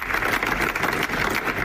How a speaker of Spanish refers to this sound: El de los aplausos de los padres, familiares, amigos y miembros del Gobierno de Aragón, entre ellos el presidente de la comunidad, Jorge Azcona, a las puertas de la sala de emergencias del Pignatelli.